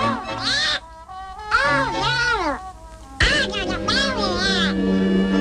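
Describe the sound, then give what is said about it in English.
Donald Duck's garbled, quacking voice sputters out in three excited, buzzy bursts, fairly loud, with no clear words. “It's hard to understand what he's saying there.”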